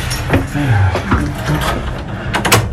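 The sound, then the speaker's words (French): Metallic clicks and clunks of a key working in a lock, followed by the groaning creak and rattle of an old door being pulled open, inside the Basilica of Saint-Sernin, leading to areas not open to the public. “Alors, on va prendre ces portes.”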